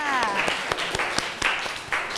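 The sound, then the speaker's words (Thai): A class claps for classmates from group 3, a dense patter of many hands with sharp individual slaps standing out, while a voice speaks briefly at the start. “ขอเสียงปรบมือให้เพื่อนจากกลุ่มที่3ค่ะ”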